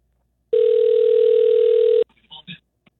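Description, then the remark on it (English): A single steady telephone ringback tone hums for about a second and a half on an outgoing call, cutting off abruptly before a few faint, brief voice fragments. “It's going to ring.”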